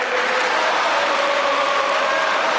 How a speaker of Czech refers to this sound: A teď jste si mohli vychutnat i tohleto krásné fotbalové fandění, kterého ve vysílání radiožurnálu Sport uslyšíte opravdu hodně v příštích dnech, týdnech, de facto měsících.